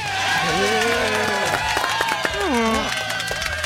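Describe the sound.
Loud, steady applause from an audience welcoming former footballer Dentinho fills the whole stretch, dense clapping mixed with cheering and shouting voices that rise and fall over it.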